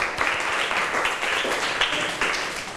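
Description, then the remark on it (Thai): A group of students in a class clapping together for two classmates who answered the teacher's question, a steady, dense patter of many hands that holds at an even loudness for a few seconds without any talking over it. “ขอบคุณสำหรับคำตอบค่ะเพื่อนๆคะปรบมือให้เพื่อนทั้งสองหน่อยค่ะ”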